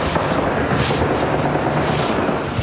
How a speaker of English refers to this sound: Some gunfire in the background.